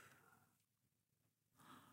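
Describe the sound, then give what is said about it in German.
A slow, deep, calm breath during a guided relaxation exercise, softly audible: a long airy exhale that fades into a brief pause before a fuller inhale rises again, unhurried with no talking. “Wir atmen nun ruhig und tief.”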